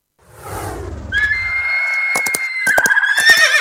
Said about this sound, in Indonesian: Ya, hewan ini adalah keledai. Keledai dalam bahasa Arab adalah himarun. Keledai adalah hewan domestik dari keluarga kuda.